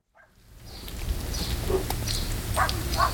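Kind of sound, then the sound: animal, dogs barking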